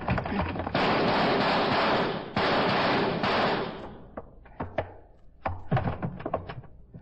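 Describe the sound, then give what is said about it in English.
A gunshot at a lock and a door being forced open: a loud, roaring burst of crashing noise lasting a few seconds, then a ragged run of sharp bangs and thuds, with no talking. “I'll shoot the lock, and then we go in. All right, hit the door.”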